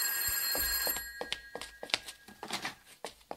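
An old-style telephone bell rings with a bright metallic trill, sustained at first and then breaking into quick clattering bursts, clear with no one speaking.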